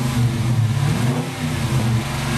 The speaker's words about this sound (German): Jawohl, 5,7 Liter V8 Motor, 375 PS, Baujahr 2018, ein schwarzer Dodge Challenger Coupé, was ein Brecher. Und dieses Teil wird jetzt auf dem Herbstfest in Dorsten versteigert.